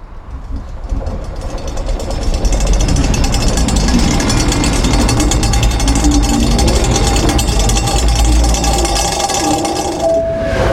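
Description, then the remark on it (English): A subway train ride heard from inside a subway carriage: a loud, steady rumble and rattle of wheels on track with clattering metallic noise throughout, rising after a quieter opening, and a brief high whine near the end. “So now, come with us in our subway carriage as we visit a magical forest, another planet, the past, and even the future.”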